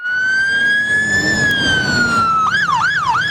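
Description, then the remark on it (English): A loud London Fire Brigade fire engine siren in Romford wails in a slow sweeping tone, then switches to a rapid warbling yelp near the end, with traffic rumble underneath and no talking; four fire engines are attending the call during a summer heat wave. “Come in has been determined as a four pump attendance, which is basically four fire engines will be attending this call initially.”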